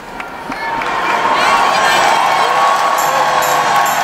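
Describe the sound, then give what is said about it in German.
A large crowd of young people cheers and shouts enthusiastically for Pope Leo at the close of a youth gathering. Applause mixes into a dense, steady roar that swells in the first second and stays loud throughout, with some high whoops. “Papst Leo wird mit begeistertem Applaus bedacht.”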